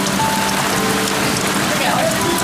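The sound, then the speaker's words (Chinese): Heavy rain pours steadily, a dense, loud hiss of drops pattering on a hard surface with no letup, constant throughout, with faint tonal hums underneath. “你们那边下雨了是吧？我这个还下可大了”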